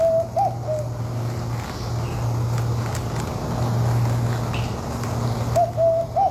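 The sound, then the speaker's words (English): A dove-like bird call: low, steady cooing tones in a few drawn-out phrases, with short higher whistling notes at the start and end, over a hiss of background noise. “They have a few different calls.”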